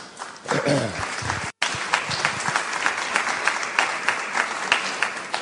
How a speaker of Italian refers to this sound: Sorrisi e applausi